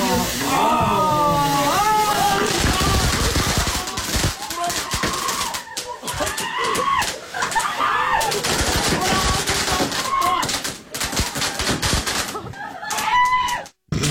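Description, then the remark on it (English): Fireworks on a birthday cake crackle and pop in a dense, rapid barrage for several seconds, loud, with shrill squawking voices rising over the bursts. “But I also didn't think that there would actually be fireworks on the birthday cake.”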